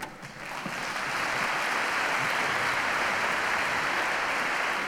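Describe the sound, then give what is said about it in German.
Audience applause for Konrad swells within the first second into steady, dense clapping that holds at an even loudness throughout, a continuous crackle of many hands with no voices over it. “Applaus für Konrad.”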